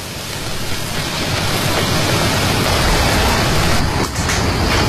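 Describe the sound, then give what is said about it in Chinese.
Coarse salt crackles and pops steadily as it is heated in a pot to bake salt chicken, losing moisture and cracking at the surface, a dense, loud stream of tiny snaps forming a hiss like heavy rain, with a brief dip near the end and no voices. “加热使得粗盐继续丢失水分，表面破裂，发出噼噼啪啪的爆裂声。”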